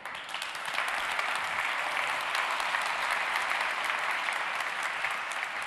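Sustained audience applause welcoming a speaker onto the stage to give a laudation, a dense steady wash of many hands clapping at an even level throughout, with no voices standing out.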